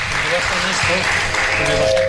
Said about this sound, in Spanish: Que le bajen los aplausos, dice.